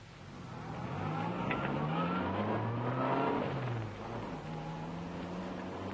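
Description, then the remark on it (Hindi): A car engine roars as the vehicle pulls away after stopping at a traffic light, its pitch climbing steadily while it accelerates, then easing slightly and holding a loud, sustained hum. No one speaks. “और अब तेज चलो, faster faster faster Vikram, faster.”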